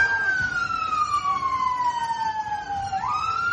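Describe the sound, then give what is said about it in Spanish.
Fire engine sirens wail steadily on the streets of Belfast, Northern Ireland, at night, as firefighters put out dozens of fires in houses and vehicles. The pitch slides slowly downward before sweeping back up near the end, loud over a low rumble of street noise. “Son las sirenas de bomberos que han tenido que sofocar decenas de incendios en casas y vehículos en una noche muy tensa en las calles de la capital de Irlanda del Norte.”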